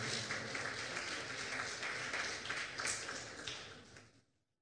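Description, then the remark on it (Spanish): An audience applauds, a dense, steady wash of many hands clapping for about four seconds before it quickly fades to silence. Nobody speaks over it. “Dele ese fuerte aplauso al Señor, por favor.”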